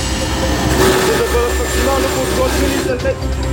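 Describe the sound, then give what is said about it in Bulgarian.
A military Cougar helicopter's engine roars loud, heard from on board, a steady, unbroken drone with a deep rumble and whining rotor tones, as muffled voices sit beneath the noise. “В сезона на пожарите специален репортаж от борда на военния хеликоптер Кугър.”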